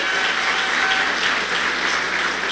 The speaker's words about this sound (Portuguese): Uma salva de palmas.